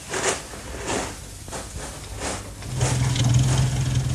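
A few soft scuffs and knocks, then a car engine starts idling with a low, steady rumble that continues to the end. No one speaks.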